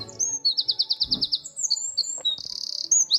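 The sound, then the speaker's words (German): A wren sings a loud, rapid song of high, sharp notes, with a quick repeated trill of bright pulses and a fast buzzing rattle, with no voices. “Mit dem Triller verzaubert er unseren Morgen. Das wäre ein Zaunkönig.”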